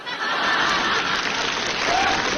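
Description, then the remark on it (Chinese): Audience applause fills the whole stretch, a steady, dense wash of many hands clapping at an even loudness, with a faint hint of laughter and crowd murmur mixed in. “我看谁鼓掌。”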